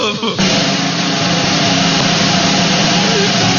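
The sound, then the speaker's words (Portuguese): A loud, sustained drum roll kicks in abruptly and rattles on steadily for a few seconds, dense, without pause or crash at the end. “Vamos lá, que rufem os tambores de”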